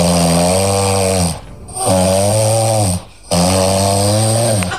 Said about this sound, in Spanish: La que ronca es su mujer grabada por él mismo.